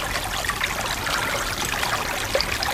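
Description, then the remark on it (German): A babbling brook flows steadily, a continuous bright gurgle and trickle of water with no pauses and no voices. “So ein Bach.”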